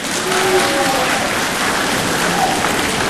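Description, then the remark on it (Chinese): Steady audience applause at a Beijing Quyi Association performance marking the 70th anniversary of the War of Resistance, a dense wash of many hands clapping at an even, loud level throughout, with a few faint voices or whistles poking through the noise. “谢谢朋友们热情的掌声，当然再热情一点就更好了。”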